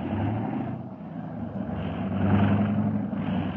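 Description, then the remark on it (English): Two car engines idle steadily outside on arrival in Baghdad, a low continuous rumble with a faint hum that swells slightly partway through, with no voices over it. “Two cars are out there, Mr.”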